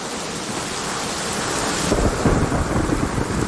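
Steady, hissing rain pours throughout while a deep, rumbling roll of thunder builds and swells in the second half, with no voices present.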